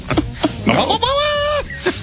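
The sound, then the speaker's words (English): A person does a goat impression, a wavering nasal bleat held for about a second, preceded by a few short grunting vocal bursts, fairly loud. “Don't get him on the goat sounds.”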